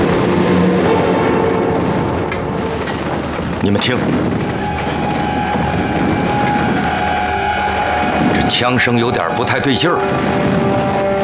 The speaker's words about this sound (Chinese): 你们听，这枪声有点不太对劲儿。这是灵鹫峰方向传来的，好激烈的枪声，还有迫击炮声。